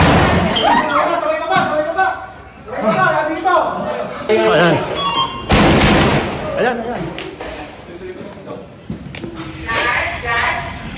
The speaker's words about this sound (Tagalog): Base po sa mga ahente natin sa NBI, galing po sa ground floor ng Senate itong sunod-sunod na putok na barel na naririnig po natin.